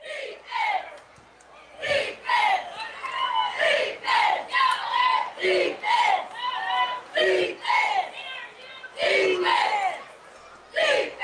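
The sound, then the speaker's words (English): A stadium crowd at a football game chants "defense" over and over in a loud, steady two-beat rhythm, each shout of many voices rising and falling in turn with brief gaps between, as the Bozeman Bucks face third and seven. “Defense, they say, as they've got the third and seven here.”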